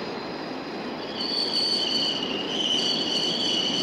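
A Berlin U-Bahn train coming from Leinestraße, after passing through the East sector, rolls into Wolterstraße station in West Berlin with a steady rumble. High metallic wheel squeals rise and hold over it. No one speaks.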